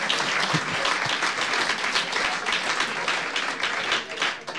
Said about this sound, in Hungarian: Hogy egy tapsot megérdemel?